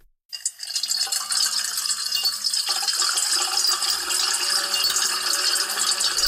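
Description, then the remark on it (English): Seven layered tracks of water being poured into a metal bowl form a dense, continuous wash, several streams together in a loud, hissing clatter with faint metallic ringing underneath, steady from start to finish with no voices. “So it will probably be seven times as soothing if we layer seven tracks of water being poured into a metal bowl.”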